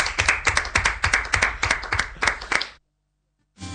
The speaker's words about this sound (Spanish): Un aplauso, gracias maestro, gracias.